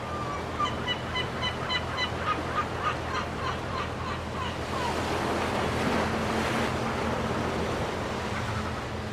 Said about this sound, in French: Et on va repartir sur le Rhode Island. On va retrouver les côtes avec la mer, les mouettes et puis les poissons.